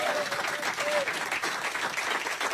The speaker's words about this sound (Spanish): Primero, gracias a ustedes, fuerte el aplauso por ustedes por haber venido.